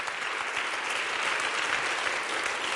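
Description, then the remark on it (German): Sustained applause from a large audience in the Großer Sendesaal on the Halberg for the brass ensemble of the Hochschule für Musik Saar at SR Kultur's live HFM Goes Radio broadcast, a dense, steady wash of many hands clapping at even loudness throughout, with no voices standing out. “Das ist euer Applaus.”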